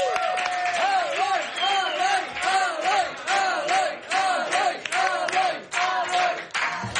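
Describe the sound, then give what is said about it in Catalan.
A crowd applauds TV3's Eloy Vila loudly and steadily for about seven seconds, dense clapping mixed with whooping, cheering voices that rise and fall in a rhythmic, chant-like pattern. “Rebeu un fort aplaudiment a l'Eloy Vila.”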